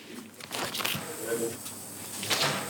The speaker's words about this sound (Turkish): şu kapı eşik kaplamalarını şimdi sökersem bu pek de roket bilimi değil.